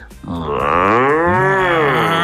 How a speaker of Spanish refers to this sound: Hoy nos vamos de paseo a la granja, un lugar lleno de vida y sonidos. Allí viven animales muy especiales. ¡Uy! Como la vaca.